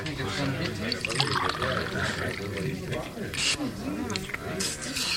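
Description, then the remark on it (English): Water pours and splashes steadily for several seconds, a continuous liquid sound as the water is poured and drunk, while indistinct voices murmur underneath. “Now he's drinking the water.”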